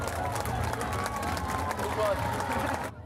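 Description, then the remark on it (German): A crowd applauds kindergarten children reaching the finish of their race, in a dense, steady wash of clapping, with voices mixed in. It stays fairly loud throughout, then cuts off abruptly near the end. “Hier kommen schon die ersten Kinder ins Ziel. Einen donnernden Applaus.”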